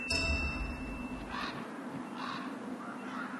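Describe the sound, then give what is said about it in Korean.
Three harsh, croaking calls of large ravens, scavengers of animals killed in the winter, arrive roughly a second apart, each a short raspy burst, over a steady low wind-like background hum. No one speaks. “하지만 이들의 움직임과 울음소리는 다른 동물들을 불러들이죠.”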